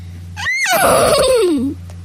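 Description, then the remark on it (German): A single loud horse whinny, starting high and shrill then sliding down in pitch into a quavering, descending neigh that lasts over a second, with a low steady hum before and after. “Wieherte es plötzlich.”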